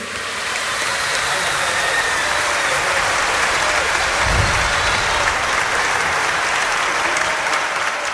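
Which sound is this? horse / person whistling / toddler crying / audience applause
audience applause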